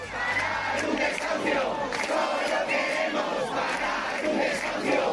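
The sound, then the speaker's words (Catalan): Hundreds of people at the door of a home in the Retiro neighbourhood shout and chant together in a sustained, loud roar of overlapping voices, with rhythmic bursts of yelling rising above the steady din, protesting the eviction of an 87-year-old resident and trying to block the judicial party, as riot police charge. “Centenars de persones romanen a la porta en aquests moments del domicili per intentar impedir el pas de la comitiva judicial que ha d'executar el desnonament i ja s'han produït les primeres càrregues amb agents antiavalots.”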